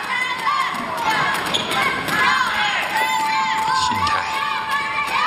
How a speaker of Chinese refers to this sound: 这个冠军稳了， 会听到全场的欢呼声。